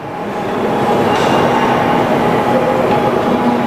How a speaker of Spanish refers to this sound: Los trenes que circulan aquí son diferentes de otras series de Shinkansen. La mayor diferencia entre las dos series es que las W7 están mejor equipadas para soportar grandes cantidades de nieve.